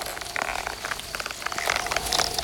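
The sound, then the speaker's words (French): Tree branches creak and crack in the wind over a steady rustling hiss, with scattered short snaps and a brief higher-pitched groan early on. No voices. “C'est le vent qui fait craquer les branches.”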